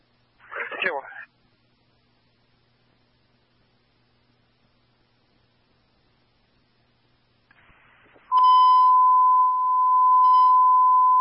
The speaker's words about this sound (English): We're going to set off the security alarm in here.